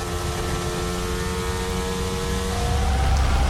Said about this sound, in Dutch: De plaats waar de microfoon op de McLaren zit is een andere dan bij anderen. Hij klinkt dof. En die auto, die motor is natuurlijk gewoon een Mercedes-motor. Klinkt hetzelfde als alle andere.